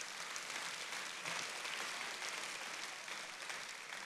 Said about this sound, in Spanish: Eso merece un aplauso al Señor.